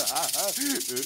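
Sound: snake hissing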